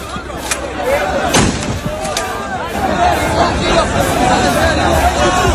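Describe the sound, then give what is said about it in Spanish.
Sharp, loud bangs of police warning shots, fired into the air with riot-control material rather than bullets, crack out a few times over a dense, noisy crowd gathered to get in, with shouting and chatter filling the background throughout. “Hubo nervios, avalanchas, la policía tuvo que actuar con disparos disuasorios al aire y acabó por desalojar la zona.”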